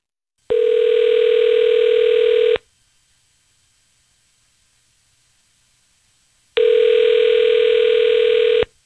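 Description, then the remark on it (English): Two loud, steady electronic telephone rings, each lasting about two seconds, separated by a silent pause: the ringback tone of an outgoing call to a woman's husband during the Ryan's Roses segment. There is no talking. “We're calling your husband of 7 years right now.”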